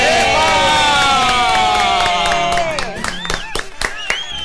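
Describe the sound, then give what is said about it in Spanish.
A loud crowd cheers with sustained high whoops and shouts, then the cheering breaks up into scattered bursts of clapping and excited cries toward the end. “¡Un aplauso merece!”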